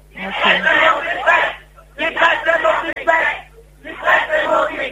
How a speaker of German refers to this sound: Ja, es ist sehr eindeutig, was die Leute schreien. Sehr deutlich, dass die Presse nicht weg muss.